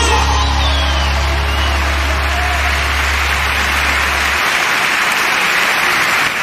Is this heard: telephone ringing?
no